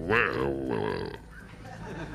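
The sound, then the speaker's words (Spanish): A person imitates a wild boar's grunt with one loud, throaty, rumbling vocal grunt lasting about a second, then trails off into quieter breathy noise. “Me va a costar poner el ruido del jabalí mientras narro.”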